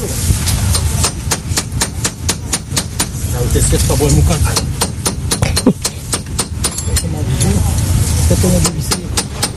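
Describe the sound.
Mechanic's tools click and clank sharply in rapid, uneven bursts as brake pads are fitted to rally car number 16, a Freedom car driven by Morgane Partal, in the Pierrefonds service park, fairly loud over a steady low rumble with faint voices in the background.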